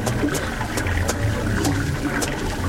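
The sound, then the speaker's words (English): Steady trickle of water running from a spring, with a few bright splashy spurts scattered through it, continuous and without any voices, as someone drinks from it. “Well, this spring is a good place to drink and rest, too.”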